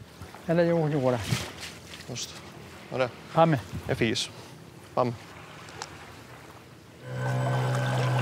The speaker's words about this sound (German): Zuerst die Angelsehne einspannen. Und dann zieht das Boot die Sehne weit raus. Weiter als jeder Angler auswerfen kann, so die Idee.